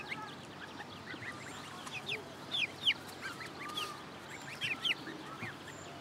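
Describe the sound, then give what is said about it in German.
Several geese honk and cackle in short, overlapping bursts, a busy flock chattering with a few louder calls standing out, no talking. “Meine Gänse sind ja sowieso manchmal so ein bisschen ruppig.”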